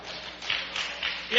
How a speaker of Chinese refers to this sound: 别鼓掌了，您各位也不厚道，怎么意思？